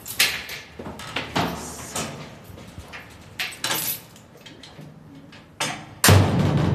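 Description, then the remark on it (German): Scraping, clanking movements build up before the heavy metal door to the rock tunnels beneath Nuremberg, Germany, under the Altstadthof brewery, slams shut with a loud, booming crash near the end, its echo ringing out in the stone passages. “So klingt es, wenn die metallene Tür zu den Felsengängen unter Nürnberg hinter einem zufällt.”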